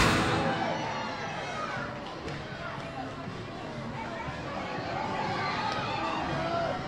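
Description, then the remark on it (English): Steady roar of a large ballpark crowd, many overlapping voices blending into a dense, continuous murmur with scattered shouts, heard from within the stands at a fairly loud, even level. “We're back at the ballpark.”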